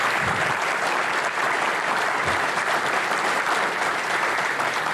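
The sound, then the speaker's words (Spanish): Loud, sustained applause from a large audience, a dense continuous patter of clapping hands that fills the whole stretch without pause, with no voices standing out. “Un aplauso con entusiasmo.”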